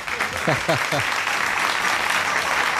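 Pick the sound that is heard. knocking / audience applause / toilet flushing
audience applause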